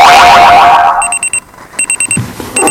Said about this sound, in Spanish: El despertador.